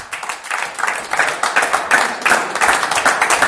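A live crowd at Bellezza in Milan applauds steadily as a guest musician is invited on stage, many hands clapping in a dense, sustained wash of sound that stays fairly loud and even throughout, with faint voices mixed underneath.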